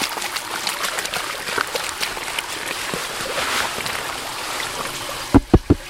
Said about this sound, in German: In eine große blaue Wassertonne kippt er eine Erdprobe aus der Ausgrabung. Der tatsächlich spannende Moment ist, wenn man dann den Kübel ins Wasser kippt und wie gesagt das Unsichtbare sichtbar wird.